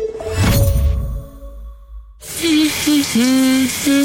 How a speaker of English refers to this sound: Oh, nice, relaxing shower. Yep, that'll wake you up.